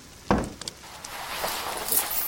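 Coins clink and rattle as they're handed over as someone's share: one sharp knock, then a few quick metallic chinks, fading into quiet with no talking.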